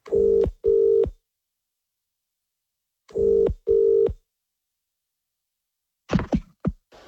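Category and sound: signal or alarm, telephone dialing and ringing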